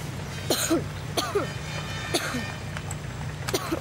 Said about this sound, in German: Deinem Husten müssen wir wirklich mal wieder zum Arzt.